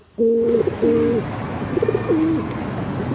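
Pigeons coo in a few low, throaty, rolling calls, with short pauses between them, over a steady outdoor background hum.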